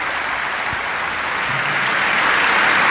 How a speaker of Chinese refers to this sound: 当演员们谢幕的时候，观众们还没从巨大的震惊中清醒过来，直到舞台的灯光亮起，观众席才爆发出热烈的掌声。这还不够，大家干脆起立向奉献了精彩的演出的舞者们致敬。